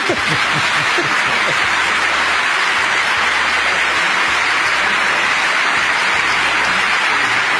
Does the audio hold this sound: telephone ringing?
no